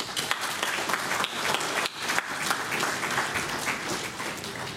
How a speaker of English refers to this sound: So I'd like to thank them all personally and give them a round of applause.